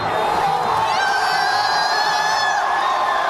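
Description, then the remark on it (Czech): A large crowd of Norwegian fans cheers and shouts continuously, celebrating with a closing rowing cheer after Norway beats Brazil to reach the world's top eight teams; overlapping high whoops and yells form a dense, loud roar that holds steady throughout. “Tuhle závěrečnou veslovačku si obzvlášť vychutnávají. Radují se, že z Brazílií nikdy prý neprohrají”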